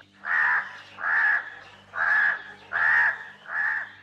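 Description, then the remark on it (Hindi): A crow caws five times in a steady, evenly spaced series, each harsh call loud and close, with no other voices present. “उस पेड़ पर एक कौवा रहता था।”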